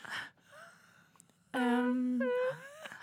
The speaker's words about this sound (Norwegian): Oi, gråter du også? Gråter du?